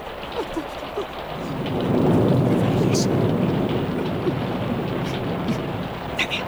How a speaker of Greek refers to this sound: Μωρ βρέχει για τα καλά.